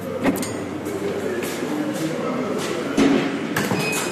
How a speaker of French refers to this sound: c'est beaucoup de portes qui s'ouvrent et qui se ferment toute la journée.